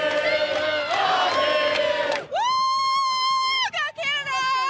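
A crowd of Canadian soccer fans in Los Angeles, celebrating a Canada World Cup game, cheers and shouts together in a loud, dense roar, then a piercing, sustained horn-like blast rises and holds, briefly stuttering near the end.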